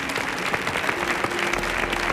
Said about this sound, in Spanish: Fuerte el aplauso